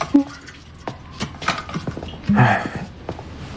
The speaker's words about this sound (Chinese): 前一秒还说话呢，后一秒打呼噜来。